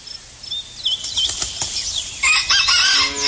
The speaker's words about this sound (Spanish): Ya les cantó el gallo por allá. Ah, pues aquí ya cantó, ya empezó a cantar el gallo.